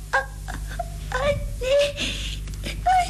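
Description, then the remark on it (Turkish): A child whimpers and sobs in a series of short, wavering cries after a bad jump and fall that scraped a knee, broken by catching breaths, moderately loud over a low steady background hum. “Bırak ağlamayı, bırak, hadi.”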